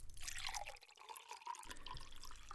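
A drink is poured in one steady stream, a continuous splashing gurgle with bright drips, a low rumble underneath at the start and end, and no voices.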